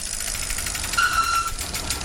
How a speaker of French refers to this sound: J'attendais depuis des mois et des mois et des mois tourner cette fameuse roue. Ben, vous la tournez maintenant. Et pour voir ce que vous avez gagné, évidemment, il faut nous dire stop au moment où vous le voulez.